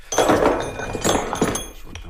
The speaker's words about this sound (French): Je vais sortir un autre marteau.